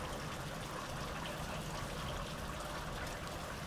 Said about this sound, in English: You are listening to Framework, coming to you here from the summer rains of Southeast Estonia.